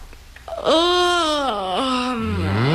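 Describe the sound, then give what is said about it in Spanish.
A long, drawn-out voiced yawn that swells loudly, wavers in pitch and sinks into a low, groaning finish, with no talking around it. “El protocolo no permite bostezar ante un rey.”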